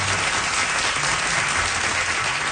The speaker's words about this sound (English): But it went really well, and he got such applause and cheers from the audience.